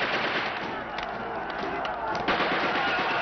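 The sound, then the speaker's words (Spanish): Dense battle noise with rapid bursts of gunfire and booming explosions around an altar as freed prisoners fight against Indians, loud and continuous throughout, with faint shouting voices mixed into the chaos. “Explosiones alrededor del altar. Calimán y las personas liberadas luchan contra los indios.”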